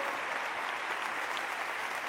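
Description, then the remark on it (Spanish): A church audience claps for the word of the Lord in a steady, dense wash of applause that holds an even loudness throughout, with no voices rising above it. “Dale un fuerte aplauso a la palabra del Señor.”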